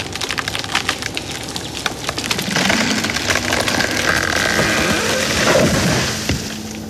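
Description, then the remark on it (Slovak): A chainsaw bites into a very thick, nearly hollow tree trunk: crackling wood splinters at first, then the saw's steady, loud, rasping roar drives through the trunk for several seconds before easing off. “Veď ako by som mohol, stroj rachotí.”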